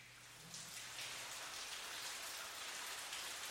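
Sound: rain falling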